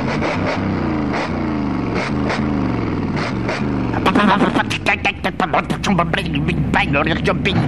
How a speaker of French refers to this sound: La vieille moto pétaradait dans la nuit noire.